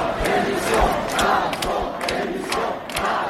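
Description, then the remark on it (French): A large crowd chants in unison, many voices blending into a loud, steady roar with rhythmic pulses and sharp percussive hits recurring about every half second. “Il y a eu comme ça une sorte de pulsion de chant, indiquant par ce chant que nous sommes là.”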